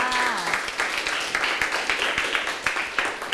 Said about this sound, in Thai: ใช่แล้วล่ะค่ะเก่งมากค่ะปรบมือให้เพื่อนค่ะ